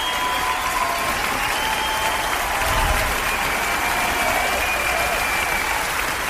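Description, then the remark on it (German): Steady, dense applause from a crowd, a continuous wash of clapping at an even loudness for several seconds, with a faint tonal hum running underneath. The applause greets the host at the start of a show. “Ja, der Beifall ist extra für mich.”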